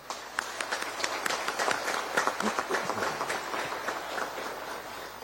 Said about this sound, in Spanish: A todos ellos les recibimos con un caluroso aplauso.